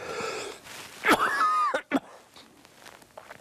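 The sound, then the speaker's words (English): A short coughing fit: one harsh burst trailing into a wheezy, pitched rasp, then two quick sharp coughs before it settles into quiet. “I told you I was going to cough.”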